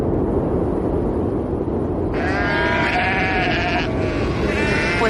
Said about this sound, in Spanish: Esto que estás escuchando son los sonidos que vas a encontrar. Viento y ovejas, básicamente. Mira, las Feroe son un puñado de 18 islas volcánicas perdidas en mitad del Atlántico Norte.